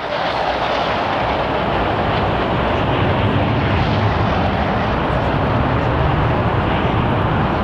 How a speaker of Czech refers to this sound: Další skupina bude vedena podplukovníkem Prelcem a bude to 12 letounů MiG-21. Ano, už jsou tady.